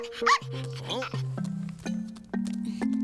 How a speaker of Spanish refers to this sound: Es un perro Garabatos.